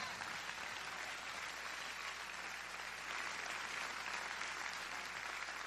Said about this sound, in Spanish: Si lo cree, denle una ofrenda de palmas al Señor fuerte.